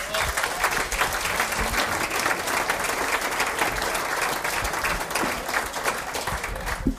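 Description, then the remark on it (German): Sustained applause from an audience welcoming a performer onto the stage at a regional dialect (Mundart) event, a dense, steady wash of many hands clapping at even loudness without pause. “Einen Applaus, Lisa, die Bühne gehört dir.”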